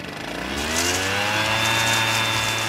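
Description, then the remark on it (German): A leaf blower's small motor engine runs steadily and loudly, its whine rising slightly in pitch as it revs up, with a constant droning hum and no one speaking. “Laubbläser gegen Rasenmäher.”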